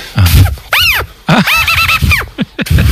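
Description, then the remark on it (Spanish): A twig wedged in a stick is blown to make loud, buzzy squawks, a run of about half a dozen reedy honks that swoop up and down in pitch, separated by rough breathy blasts. “es un juego súper simple en el que se mete una rama entre un palo y luego tú soplas y esta rama vibra.”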